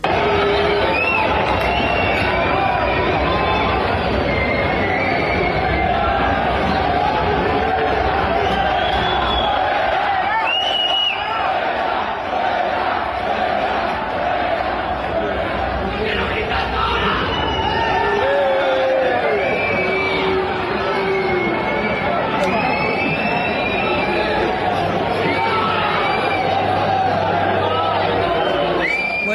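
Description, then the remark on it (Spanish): A large crowd of tennis spectators shouts and jeers continuously during a match that was stopped, a dense roar of many voices with scattered whistles and yells rising above it, loud and unbroken for the whole stretch. “Gritaba el público, que era un parece un partido bárbaro, de fútbol, un partido de fútbol, ¿no?”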